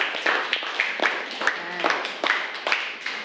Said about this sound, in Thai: โอเคปรบมือเพื่อนก่อนนะคะ